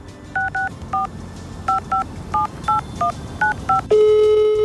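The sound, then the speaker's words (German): A rapid series of about twelve telephone keypad tones, each a short dual-pitched beep, dialed in an uneven rhythm, followed by a steady ringing tone starting near the end. “Echtes Telefonieren, also das Miteinander reden, das passiert wirklich nur zur Not, schaut so aus.”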